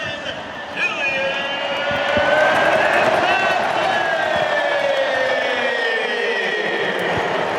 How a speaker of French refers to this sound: Et là, vraiment, le travail de Kylian Mbappé pour aller tromper le gardien suédois. Magnifique. Cinquième but de Kylian Mbappé dans cette Coupe du Monde. Il rejoint Erling Haaland. Et écoutez l'acclamation.